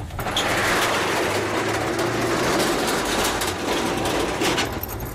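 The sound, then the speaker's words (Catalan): A washing machine runs steadily for the whole stretch, a loud, continuous mechanical rumble and whir with a low hum underneath and no one talking. “Has posat la rentadora”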